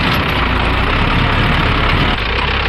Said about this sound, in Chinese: 开着自己改造的山地拖拉机翻耕土地。 现在那个深度还是可以了，比较正常了。